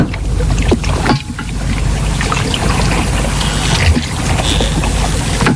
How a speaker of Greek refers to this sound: Έχουν κάνει επίθεση, έχουν κάνει τώρα, έχουν πάει οι Γερμανοί στη βάρκα τους. Αυτό είναι αλλιευτικό μάλλον. Δεν είναι βάρκα, είναι αλλιευτικό.